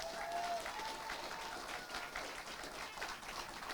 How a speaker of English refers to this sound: Please give our Prime Minister a round of applause.